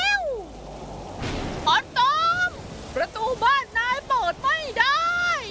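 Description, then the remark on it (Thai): Steady rain hisses throughout during a thunderstorm with lightning and very strong wind, with a brief louder rush of noise early on, while a voice talks animatedly over the downpour. “โอ้ยร่มปลิวลมแรงมาก ฝนตกแล้วทุกคน ชัวร์เลยละเราเจอพายุฝนฟ้าคะนองเข้าให้แล้ว”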